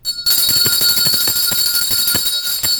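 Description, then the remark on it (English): A loud lunch bell rings continuously, its rapid metallic clatter starting abruptly after a split second of silence and sustaining a bright, shrill tone throughout, with no voices. “Let's ring today's lunch bell.”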